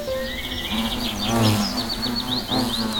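A hornet buzzes steadily for about three seconds, a low droning hum that swells and fades, with faint high chirps scattered above it.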